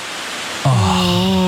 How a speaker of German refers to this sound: Es wird einfach wieder windiger und das sorgt halt für dieses Blätterrauschen. Es sieht toll aus und ich finde, das ist aber auch das friedlichste Geräusch ever.